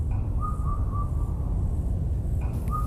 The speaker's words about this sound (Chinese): 哎呀，这个也是布谷布谷，是不是刚才那只鸟着急了，调子升高了，语速也变快了？